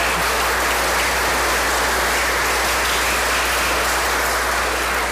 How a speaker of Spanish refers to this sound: aplauso